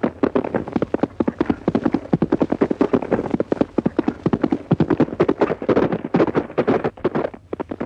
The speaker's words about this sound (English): That horse is almost human. Knows everything you say, even on a trial gallop.